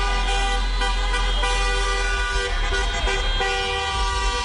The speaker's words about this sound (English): Meantime, Spurs fans continue the tradition of celebrating a playoff victory by honking.